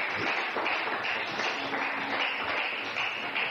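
An audience claps steadily at night, applauding the Lord, the many hands blending into a dense, crackling wash of sound that holds at an even loudness for a few seconds with no voices on top.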